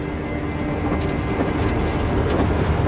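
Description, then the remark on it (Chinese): A steady, heavy rumble of a moving train fills the scene, continuous and fairly loud, with low mechanical drone and faint rattling clatter throughout. “昨天还在排长会，今天就在火车上，像做梦一样。”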